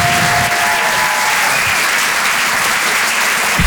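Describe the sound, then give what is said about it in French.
Loud, sustained applause from a large comedy club audience, dense clapping continuing steadily for several seconds, with a brief whistle or cheer rising above it early on, as comedian Ethan Lalouse is called to the stage. “Faites du bruit, s'il vous plaît, pour Ethan Lalouse.”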